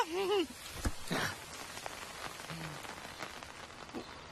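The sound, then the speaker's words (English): Steady rain patters down in a soft, continuous hiss with scattered drips, opening with a brief melodic vocal sound before the rainfall carries on alone at a moderate level. “Today on Sesame Street, we are expecting rain.”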